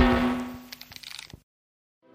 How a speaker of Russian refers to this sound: Если ударить чебурашку по морде, то звук получится такой.